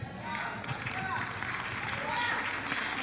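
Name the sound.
audience clapping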